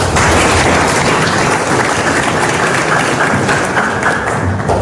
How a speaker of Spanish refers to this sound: Es un fuerte aplauso a los padres, ¿no?